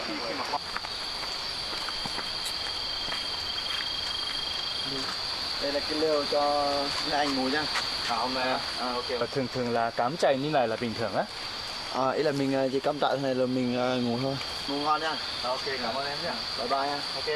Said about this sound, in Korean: 야, 이게 벌레 소리도 들리고 너무 좋은 위치 텐트가 있어서 오늘 정말 꿀잠 잘 것 같아요.